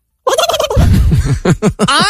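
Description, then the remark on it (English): A person imitates a turkey gobble while karate chopping their own neck, a loud, wet, rapid warbling burst of throaty gulps that rises into a higher, wavering squawk at the end, about two seconds long. “It's a pretty good turkey gobble though.”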